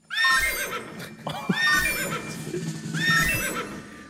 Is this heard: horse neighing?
yes